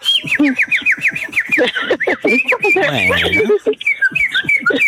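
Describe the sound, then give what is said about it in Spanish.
A pet bird whistles in a quick run of rising, repeated chirpy notes, then keeps trilling and warbling loudly while a voice briefly sounds underneath. “Ah, sí, aunque me chifle”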